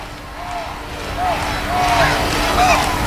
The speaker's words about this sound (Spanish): Se ha coreado mucho el nombre del rey, por cierto, Felipe, como se está coreando ahora.